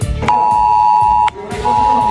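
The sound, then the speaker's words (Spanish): A loud, steady electronic tone from a mobile phone emergency alert in Valencia, Spain, during torrential rain, sounds for about a second, stops briefly, then starts again, over a busy background of low rumbling noise. “En solo una hora, a eso de las 9:30, otra vez diluvio universal, unos 100 litros en tan solo un par de horas y un sonido que en los teléfonos móviles, que aquí en Valencia, la verdad es que sobrecoge.”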